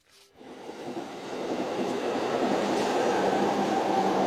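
A train bound for Sweden rolls along the rails, its steady rumble and rattling wheel noise building quickly from quiet and then holding loud and continuous, with no voices.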